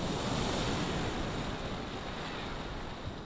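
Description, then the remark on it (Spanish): Rough sea surf crashing steadily onto the beach at Salobreña on the Costa Tropical, a loud continuous roar of breaking waves with some wind buffeting the microphone, no voices. “Bueno, pues vamos a escuchar el sonido de las olas de este mar embravecido hoy, en la costa tropical.”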